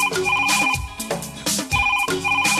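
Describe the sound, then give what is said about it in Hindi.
A musical phone ringtone plays in a promo for the phone-in music request show Hello Farmaish on AIR Obra, a steady, repeating pattern of bright electronic tones over a rhythmic backing, loud, with no one speaking. “Hello, फिर क्या, phone उठाइए, वॉल्यूम बढ़ाइए, जो चाहे वो ट्रैक सुनाइए।”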